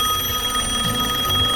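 A telephone rings on an outgoing call, a steady electronic ringback tone holding evenly over a faint low hum, with no one talking.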